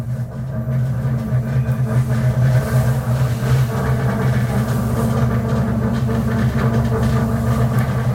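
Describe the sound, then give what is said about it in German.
A steady low rumble drones from under the floor of a train leaving Stadion station in Warsaw, loud, with a constant humming engine tone and faint rattling over about eight seconds, no voices. “Kommt hier irgendwie aus dem Boden von dem Zug.”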